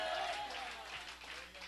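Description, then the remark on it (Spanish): An audience at a Spanish-language church sermon applauds for Christ in a steady, dense wash of clapping, with a few voices blending into the noise. “¡Dele fuerte ese aplauso al Cristo de la gloria!”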